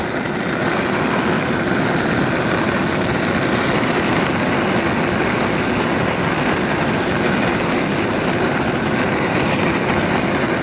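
Various cardboard boxes bowed with a cello bow in a performance, giving a dense, rough, continuous drone that stays at a steady loudness throughout, grainy and rumbling with a faint hum of overtones and no pauses or voices.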